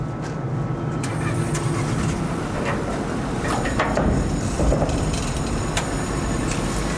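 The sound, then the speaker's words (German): A steady engine rumble churns on without a break, with heavy low drone and faint clanks and rattles on top, aboard a car ferry crossing the Trave river from the southern Travepromenade. “Und dazu nehmen wir die Fähre, die von der südlichen Travepromenade startet.”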